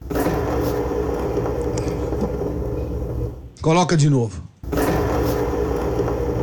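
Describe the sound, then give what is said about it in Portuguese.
A loud, steady roaring whoosh of an airplane vacuum toilet flush, broken by a short spoken phrase, then the powerful rushing roar starts again at full strength. “É uma descarga a vácuo daquelas de avião.”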